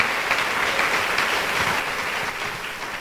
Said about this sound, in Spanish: Denle un buen aplauso a Jesús, hermano.